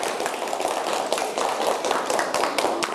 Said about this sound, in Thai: ยินดีด้วยนะ เก่งมากปรบมือให้ทุกคนด้วยนะคะ